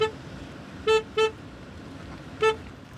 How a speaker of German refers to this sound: Ah, Mann, der soll mal aufhören zu hupen da hinten.